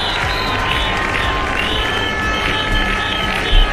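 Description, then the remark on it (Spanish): A large protest crowd of about 5,000 in Ceuta, Spain, called by the city's four religious communities, chants and shouts "Ceuta no se vende, Ceuta es España" and against Pedro Sánchez in a loud, continuous roar, with rhythmic swells and a sharper burst near the end, suggesting whistles or cheers. “Gritos como "Ceuta no se vende, Ceuta es España" y alusiones directas a Pedro Sánchez han recorrido la manifestación convocada por las 4 comunidades religiosas de la ciudad autónoma.”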